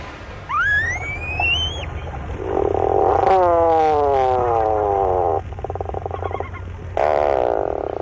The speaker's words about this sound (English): Although not a first-rate vocalist, the bird making this groan-like call is one of the most recognizable to the eye. These sounds belong to the tufted puffin.